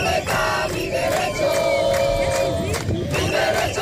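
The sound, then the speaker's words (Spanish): A loud crowd of more than a thousand protesters, called out by the Federation of Neighbourhood Associations, shouts and chants during a 2-kilometre street march in Ceuta to the Tarajal border, carrying flags of Spain, Ceuta and Europe under police guard, many voices blending into a steady roar, with one long sustained yell rising above the noise midway. “Son los gritos de los manifestantes que entre numerosas banderas de España, Ceuta y Europa han marchado 2 kilómetros hasta llegar hasta la frontera del Tarajal, donde se han concentrado durante varios minutos custodiados por la policía.”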